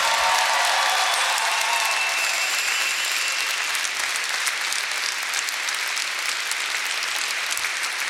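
Steady audience applause at a show for the on-stage percussion and hammered dulcimer (Hackbrett) player, a dense wash of many hands clapping at an even, fairly loud level for several seconds, with no voices over it.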